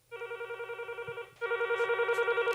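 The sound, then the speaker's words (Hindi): A telephone rings with a rapid trilling electronic tone in two bursts, a brief pause between them, steady and fairly loud with a faint hum underneath and no talking: an incoming listener call to a radio song-request phone-in in Bhopal, India. “हम इंतज़ार है आपके फ़ोन कॉल्स का, जितना इंतज़ार आप करते हैं अपनी फरमाइश का।”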